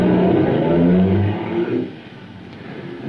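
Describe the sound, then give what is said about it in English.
A car engine hums loudly, then its rumble fades within a couple of seconds as Comrade Vincent's car drives off into the darkness at night, leaving faint background noise. No one speaks. “I watched the car till it was gobbled up by the darkness.”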